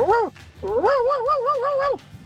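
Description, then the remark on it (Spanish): A person imitates their pet cat Anita with two meows: a short rising-falling mew, then a longer wavering, drawn-out one, loud with no other sounds. “voy a imitar a mi gatita Anita.”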